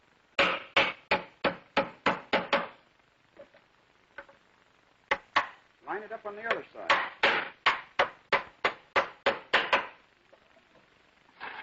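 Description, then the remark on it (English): Rapid series of sharp hammer blows driving nails into wood, two bursts of about eight quick strikes each, with a brief spoken remark between them. Nails are driven to fix a leg of a wooden furniture piece flush against its top, three nails on each side. “And we can well put in another nail. Three on each side.”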